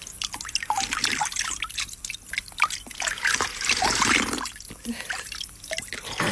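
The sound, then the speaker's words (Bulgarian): Water trickles and drips steadily at a small spring well, with irregular splashes and patters as hands scoop it and splash it onto a face, all without speech over the continuous watery texture. “Чекай се наплискам. Чекай. Чекай да пинем.”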